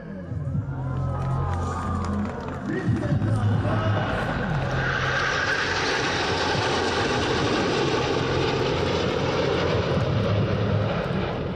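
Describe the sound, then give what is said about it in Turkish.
A loud, sustained fighter jet engine roar swells after a few seconds and fills the air overhead at an aviation festival in İzmir, Turkey, with a faint crowd murmur and scattered voices beneath it. “Savaş uçakları, helikopterler ve milli teknolojiler.”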